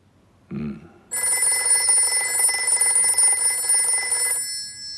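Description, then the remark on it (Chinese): An old-style telephone bell rings loudly, a continuous trilling jangle lasting about three seconds before cutting off, preceded by a brief low sound; the call is from Stalin. “没事啊，接电话，看是不是恩来打来的。”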